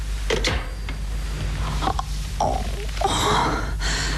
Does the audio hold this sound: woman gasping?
yes